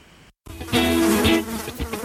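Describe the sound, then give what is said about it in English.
Flies around cattle in summer buzz in a steady, droning hum with a reedy, mid-pitched whine. It swells louder after a brief silent gap near the start, then wavers and fades slightly toward the end. “Few things are more certain for cattlemen than the nuisance of flies on their cattle in the summer.”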